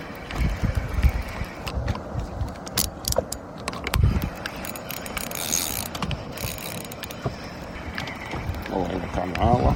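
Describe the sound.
A fishing reel winds in line with a steady run of close, rapid ratcheting clicks and mechanical whirring, set against a busy outdoor boat ambience with faint background voices.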